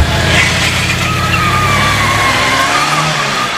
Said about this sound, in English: Who is that driving like this time of night? Oh, it's that black car pulling out of the driveway.